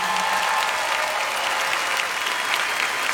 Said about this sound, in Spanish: Por favor, el aplauso nuevamente